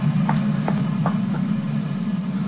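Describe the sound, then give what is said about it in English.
A commuter train rumbles over a bridge: a steady, heavy low drone with a few evenly spaced metallic clacks riding on top, and no voices. “It's just a commuting train that passes over the bridge out there.”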